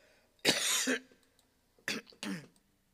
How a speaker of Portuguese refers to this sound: Perdão, gente. Eita, que o pigarro chegou aqui de vez, viu?